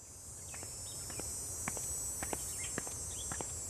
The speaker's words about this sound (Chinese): 蝉鸣漫过六月的盛夏